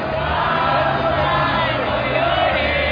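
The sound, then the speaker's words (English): A dense crowd of football fans roars and cheers continuously outdoors at the Ángel of Independence on the main avenue, celebrating a World Cup victory, many voices blending into a loud, sustained wash with occasional whoops and shouts, the lyrics of the mariachi folk song Cielito Lindo weaving through the crowd. “The lyrics of the mariachi folk song Cielito Lindo weave in harmony in the crowd.”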